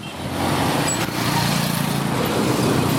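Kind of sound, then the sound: ambience, street traffic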